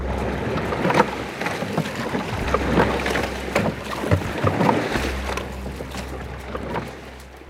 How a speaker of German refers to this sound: So klingt es, wenn 8 Männer in einem Boot hocken und rudern, um die Wette rudern.